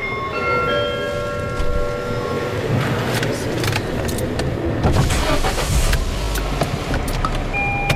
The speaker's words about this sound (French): Je baisse les vitres puisqu'il pleut pas encore.